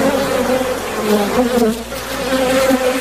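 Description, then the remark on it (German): A steady buzzing of bees fills the whole stretch, a dense droning hum with slight wavering pitch as several insects hover, no voices present. “Mittwoch, der 20. Mai, der Welttag der Bienen.”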